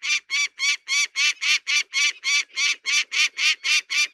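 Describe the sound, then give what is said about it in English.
A peregrine falcon gives a loud, harsh alarm call at a bald eagle drifting by, a steady rapid series of about fourteen grating cries repeated evenly, with no talking. “This peregrine falcon has taken exception to it being here. Listen to this.”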